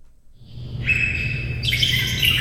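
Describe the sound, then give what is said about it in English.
Many birds chirp and call at once in the Vallum aviary at the Oregon Zoo, among them a four-year-old Bali myna, a white Indonesian songbird, in a dense, overlapping chorus of high tweets and squawks, rising in intensity partway through, with a low rumble of ambient noise underneath. “The cacophony of bird sounds in the Vallum aviary has added a new voice, a four-year-old Bali Mina, a bright white Indonesian songbird with black wingtips and blue around the eyes.”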